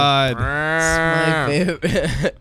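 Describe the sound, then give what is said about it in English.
A voice imitates a loud incorrect-answer buzzer: one long, low, droning buzz held steady for over a second, then breaking into a few wobbling, falling bursts. “Giant incorrect buzzer sound effect.”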